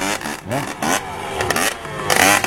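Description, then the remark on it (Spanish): A small, high-pitched engine buzzes loudly like a string trimmer, its whine rising and falling in quick repeated revs with no voices. “Es, pará, ¿es un globo de la muerte o es una bordeadora?”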